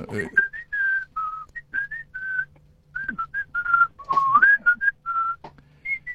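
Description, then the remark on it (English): Someone whistles their part of a song melody, a run of clear sustained notes and short phrases with brief pauses between them, over a faint low hum. “Well, I could whistle my part right now.”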